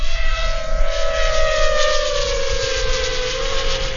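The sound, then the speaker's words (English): At a drone test site by a copse of trees, a drone carrying a camera and a microcomputer for an autonomous system buzzes in a steady, high-pitched whine that holds at an even, fairly loud level throughout, with a rough wash of noise underneath and no voices. “STAB points to a drone.”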